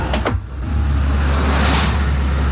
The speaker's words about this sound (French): Ah, voilà, tu vois, une flopée de voitures qui passent, tu vois, une flopée de voitures. Il n'y a pas encore les camions, mais des fois il y a des flopées de camions.